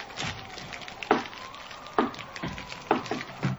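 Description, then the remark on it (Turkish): A fire crackles and hisses steadily while several sharp knocks and thuds break through as a few more wooden logs are thrown onto it one after another. No one speaks. “Dur, şu ateşe birkaç odun daha atayım da.”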